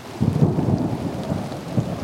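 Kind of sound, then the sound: nature, rain falling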